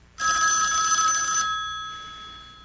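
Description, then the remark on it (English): A telephone bell rings once in a bright, sustained burst lasting over a second, then cuts off, leaving a fading ringing tone. Fairly loud, with no voices. “I thought the phone lines were down. They must have fixed them. Well, you better answer it.”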